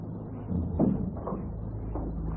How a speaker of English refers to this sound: Shut the door, Smith.